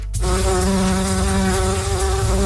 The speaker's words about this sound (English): there could soon be more bumblebees and other pollinators buzzing around Prince Edward Island if Charles Lipnicki gets his way.